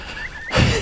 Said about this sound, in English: Got a pheasant's just flown up about a metre in front of me. What a fright.